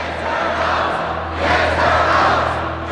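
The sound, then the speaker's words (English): The standing audience of the 10th annual Hunger Games, many pumping their fists, roars and shouts in a continuous, dense wall of cheering that swells louder about halfway through, with no single voice standing out. “Everyone in the audience stands. Many pump their fists.”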